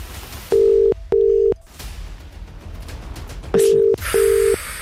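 Steady electronic telephone tones sound in two pairs of long beeps, each lasting about half a second with short gaps, like a number being dialed, over quiet background noise.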